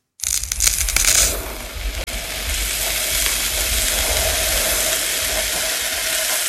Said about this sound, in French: donc du sable qui coule